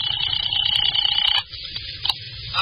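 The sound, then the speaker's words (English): A telephone rings over the line from a call placed at a phone booth to Dr. Reichel's home: one steady, bright, buzzing ring lasting over a second, then it cuts off into quiet line hiss with a faint click. “I went back to the phone booth and called Dr.”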